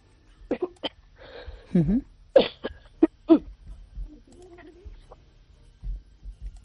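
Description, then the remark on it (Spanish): A woman on a phone call coughs in a series of harsh, spluttering bursts, fairly loud, with strained gasps in between, having apparently choked. “Le ha dado la tos, no sé si se ha atragantado ahora mismo”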